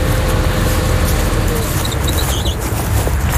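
A tractor engine runs in a field at the farm Ferme du Grain au Pétrin while a meadow is being reseeded, in a steady, unbroken low rumble for the whole stretch, holding an even loudness, with a few faint high chirps briefly surfacing midway.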